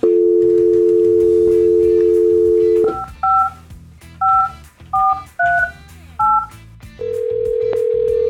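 A steady dial tone hums for about three seconds, then seven short two-pitch keypad beeps are punched in at an uneven pace before a ringback tone begins. No one speaks.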